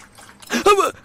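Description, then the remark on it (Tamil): Tea is poured out for a dog in a short, splashy burst lasting under a second, fairly loud, with a voice briefly overlapping the liquid sound. “என்னடா பண்ற, நாய்க்கட ஊத்துற.”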